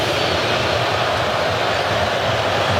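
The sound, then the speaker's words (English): A big stadium crowd at a U.S. soccer match makes a loud, sustained roar reacting to ten minutes of stoppage time, a dense wash of thousands of voices holding steady throughout with no single voice standing out. “And you can hear how they feel about the 10 minutes.”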